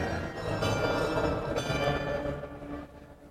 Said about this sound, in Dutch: iemand die boven in de toren zit, maar een meneer die buiten op een carillon aan het spelen is. En ik loop er even naartoe terwijl die aan het spelen is.